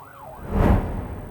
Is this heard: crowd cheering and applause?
no